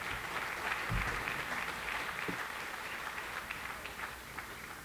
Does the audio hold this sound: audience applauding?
yes